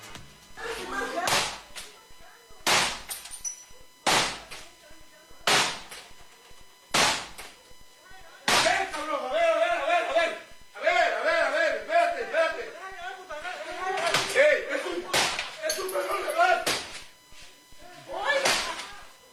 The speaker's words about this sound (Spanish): por lo menos tres sujetos vestidos de negro y usando pasamontañas irrumpen en la casa. Uno de ellos golpea la puerta con el mazo